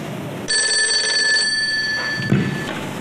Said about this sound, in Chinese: 为什么电话总是在节骨眼上打过来呢？